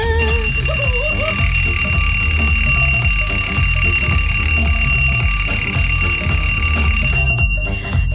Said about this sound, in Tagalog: Kaya kung wala pa nakabugtaw, suliton tang alarm clock.